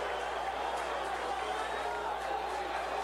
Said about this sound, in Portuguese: O Thiaguinho no lugar do Felipe Matheus, voltou do gol, né? Sai aplaudido pela torcida, fez até agora esse gol que tá dando a vitória a equipe do Criciúma.